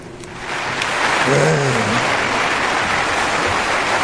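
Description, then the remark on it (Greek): A dense, steady wash of applause fills the space from start to finish, with a brief muffled voice or cheer rising out of the crowd noise near the middle. “Άσε να πέσει το χειροκρότημα.”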